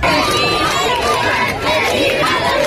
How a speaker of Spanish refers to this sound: Es momento, gritos de alegría, aplausos, vítores a León XIV que ha recorrido todo el frontal de la fachada principal de este Palacio Real en el Papamóvil, de pie saludando a todo el público.